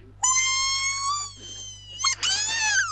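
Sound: cat meowing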